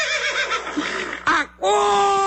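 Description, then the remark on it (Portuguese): A horse neighs loudly, a shrill whinny with a wavering, shaking pitch, then a brief pause and a sustained, steady call at the end. “Acorda, cavalo.”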